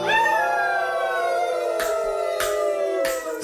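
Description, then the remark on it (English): A long, sustained howl from human voices howling at the moon on a street corner, held loud and steady with a slight downward slide, while sharp percussive hits land near the end. “And here on the corner, we howl at the moon for all the lonesome tonight.”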